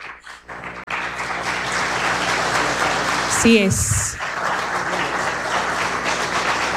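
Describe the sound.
A crowd breaks into sustained applause, steady and fairly loud, in tribute to the memory of Cassandra Damirón, with a brief spoken interjection and a short tonal sweep cutting through partway.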